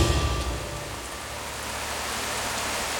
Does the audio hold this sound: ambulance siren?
no